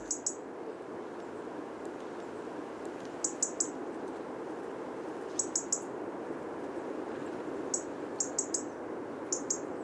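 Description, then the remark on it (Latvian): A European robin's ticking alarm call: short, sharp high ticks resembling small twigs snapping in bushes, in quick clusters of two or three, repeating every couple of seconds over a steady background hiss. “Jo sarkanrīklītes sauciens ir tādi tikšķi, kas atgādina zaru laušanu, sīku zariņu laušanu krūmos.”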